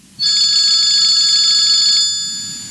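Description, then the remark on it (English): A telephone rings once with a steady, bright electronic trill lasting about two seconds, loud, then fades out. No one speaks. “back to the phone lines. Well, go ahead and call Stanwood and he'll talk to you”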